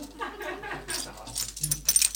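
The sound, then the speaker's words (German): A woman jangles her bunch of keys in several irregular shakes, bright metallic clinks and rattles rising and falling over a faint low hum, with no voices. “Sagt Barbara Bellini und klimpert mit ihrem Schlüsselbund.”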